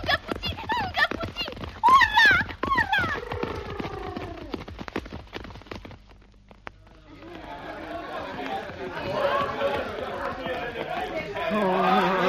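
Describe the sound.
Quick rhythmic hoofbeats of a runaway horse that will not stop when its reins are pulled clatter past under excited shouting voices, then fade as a busy murmur of crowd chatter takes over.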